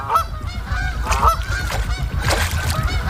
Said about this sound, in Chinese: 天气越来越冷，湖面的冰层越来越厚，成群的水禽只能聚集在湖心没结冰的有限范围内。